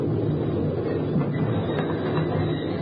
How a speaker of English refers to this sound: As the train moved into the station, I rolled and pinned myself tight under the concrete ledge as the wheels came to a stop, not 3 inches from my face.